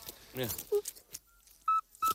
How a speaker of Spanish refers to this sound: Y es un animal de hábitos principalmente nocturnos, lo cual me cae bien, y su canto recuerda al silbido este que nos han puesto, que no se lo creen ni Dios, un sapo.